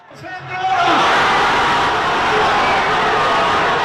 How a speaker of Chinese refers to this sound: 当阿根廷队晋级世界杯决赛时，人群欢呼庆贺，尽情释放喜悦，从灾难中获得片刻慰藉。